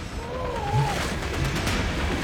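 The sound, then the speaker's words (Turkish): Waves and a fast water current, about 2.5 metres deep, rush steadily and loudly throughout, the waves speeding up the current, a dense, unbroken wash of noise with a faint wavering tone drifting through it early on. “Dalgalar akıntıyı gerçekten de hızlandırıyor.”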